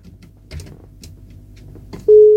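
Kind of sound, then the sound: signal or alarm, telephone line tone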